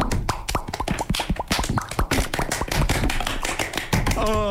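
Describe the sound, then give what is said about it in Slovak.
Rapid, dense tapping and patting, like fingers drumming on a body, imitates heavy rain in a steady patter, with a brief vocal tone near the end. “Takže, prší, hej.”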